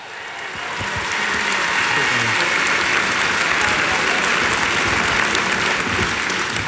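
An audience claps steadily for several seconds for two media panel guests, a dense, continuous patter of many hands that swells quickly at the start and holds at a loud, even level throughout.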